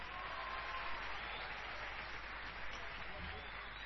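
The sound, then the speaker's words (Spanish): An audience claps steadily for a few seconds, a dense, even wash of many hands with no pauses, giving loud applause for a man. “Porque está enamorado, entonces fuertes los aplausos para él.”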